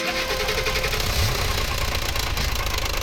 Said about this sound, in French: Et c'est quoi ce bruit ? C'est le moteur de la voiture de ton papa. C'est pas gagné cette histoire, quel boucan.